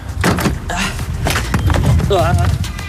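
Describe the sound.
Hard knocks and hollow thuds as a camping chair and then a table are shoved and stacked into the rear storage garage of a motorhome, fairly loud, with people talking over the clatter.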